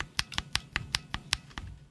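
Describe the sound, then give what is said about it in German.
A lubricated (oiled) mechanical keyboard switch pressed repeatedly, about ten short, muted clacks at a steady, fairly quick rhythm, moderately quiet, with no voices. “Und dem gegenüber stehen dann Tastenschalter, die eben zum Beispiel geölt sind.”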